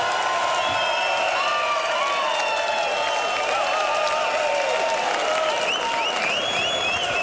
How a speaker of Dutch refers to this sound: Hier in Riesa großen Applaus für den Kirkulator Kirk Bevins.